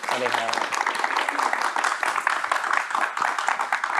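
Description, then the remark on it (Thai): An audience applauds steadily for three guests of a programme, a dense wash of many hands clapping that holds at an even loudness for several seconds, with a brief voice heard at the very start. “ขอเสียงปรบมือให้กับทั้ง3ท่านด้วยนะครับ”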